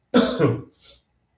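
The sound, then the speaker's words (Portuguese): A dry, hacking cough: a strong burst with a second push, then a short raspy throat-clearing tail, alone in otherwise quiet surroundings. “Gente, eu estou hoje tossindo, assim, uma tosse seca de novo.”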